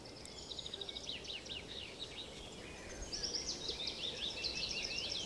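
A lively outdoor chorus of many different birds singing at once in Lunden nature reserve, Hultsfred Municipality, with overlapping trills, whistles and rapid chirping phrases over a steady background hiss. No one speaks.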